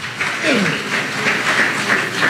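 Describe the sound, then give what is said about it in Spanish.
A crowd claps steadily as a strong round of applause to the Lord, a dense, even wash of many hands without pauses, with a brief falling vocal sound or cheer rising through the applause early on. “Dame un fuerte aplauso al Señor en esta preciosa tarde.”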